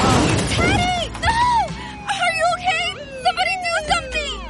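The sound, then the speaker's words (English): A sudden loud crash at the very start as a car hits a young man on a bicycle, smashing his helmet, followed by strained, wavering vocal sounds like groaning or whimpering that rise and fall for several seconds. “Was this young man hit by a car? Yes, and his helmet is smashed.”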